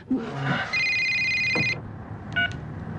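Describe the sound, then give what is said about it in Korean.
A telephone rings in the drama Insaeng Hyangyeon with a sustained electronic trill for about a second, then a brief second ring burst follows; the sound is clear over a low background hum. “전화를 받는다.”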